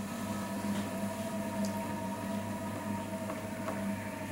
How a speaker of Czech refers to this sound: Nejste si jistí, jaký zvuk jste právě slyšeli? Je to zvuk vytrvalosti a nezměrné trpělivosti. Zvuk hrnčířského kruhu.